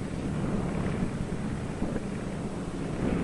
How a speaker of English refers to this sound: Out over the ice, Byrd is in trouble. His starboard engine is cutting out, now stops. His one remaining engine is losing power.